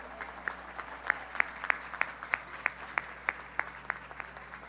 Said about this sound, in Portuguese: Vamos, com fé e devoção, participar dessa Santa Missa, acolhendo com carinho aquele que preside essa celebração, nosso cardeal, Dom Orani. Uma salva de palmas para o nosso cardeal.